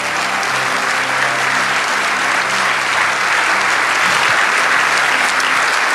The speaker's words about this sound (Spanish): Si ese aplauso es para lo agradecido que estamos, dale ese aplauso.